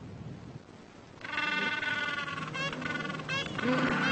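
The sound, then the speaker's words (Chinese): Gentoo penguins on a beach, back from feeding at sea and seeking mates, bray loudly after a brief quiet start, their harsh, honking calls overlapping and breaking into rapid pulsing bursts. “巴布亚企鹅一年产两枚卵，它们昼夜不停地守护着下一代。”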